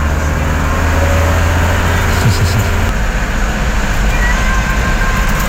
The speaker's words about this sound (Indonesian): Soalnya daerah sini tuh aktivitas kendaraan berat ya Mas, truk-truk galian, truk proyek galian saya itu pada lewat sini aktivitasnya.